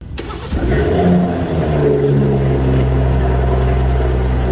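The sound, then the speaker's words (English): A car engine cranks and catches at the start, then settles into a steady, loud idle with a low rumbling hum. “We're talking about the startup of the car, when the car starts.”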